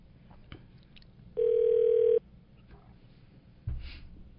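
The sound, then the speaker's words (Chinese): A single steady electronic ringback tone sounds for under a second as a phone call connects, clear and prominent over a quiet room, followed by a soft thump. “嗯，好，听众朋友稍等一下，电话通了。”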